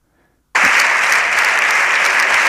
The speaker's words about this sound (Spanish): Estos aplausos son al final de la intervención de Pedro Sánchez, todos en pie en la bancada progresista.